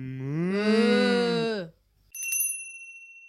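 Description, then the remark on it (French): A cow gives one long, loud, drawn-out moo. After a brief silence, a bright bicycle bell rings with a shimmering, fading tone. “Place à notre séquence humour, l'interview de la vache.”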